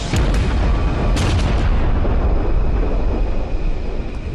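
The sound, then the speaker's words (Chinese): A loud explosion with several sharp blasts in the first second and a half, then a heavy, sustained roaring rumble without voices: a reactor explosion at the Fukushima nuclear power plant, Japan, caused by flammable gas from overheating reactors after a magnitude 9 earthquake and tsunami cut power and cooling water. “核电站电源被迫中断，供水系统无法继续运行，没有水再为反应堆降温，反应堆温度持续升高，产生可燃气体，最终引发爆炸。”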